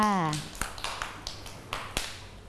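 Children clap in a sparse, uneven patter of about seven or eight sharp claps, following a brief spoken word at the start.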